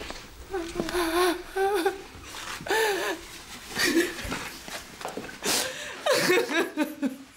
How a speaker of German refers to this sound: Was gibt's denn da zu weinen? Das kriegen wir doch alles wieder hin.